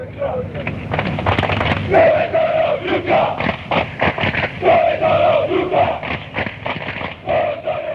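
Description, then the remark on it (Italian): A large crowd of opposing football supporters chants in unison, asking where the rival ultras are. It is a loud, rhythmic collective shout with a steady sing-song cadence. “Dove sono lui ultra, questa si grida la tifoseria avversaria quando loro non si presentano lì, o quando sono in pochi, o quando arrivano tardi, o quando non ci sono davvero.”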